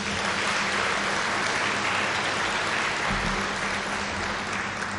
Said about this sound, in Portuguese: São também vítimas quando acontecem desastres, mas mesmo assim dedicam-se a salvar vidas, sem remuneração, sempre com espírito voluntário. Mais uma vez, uma grande salva de palmas.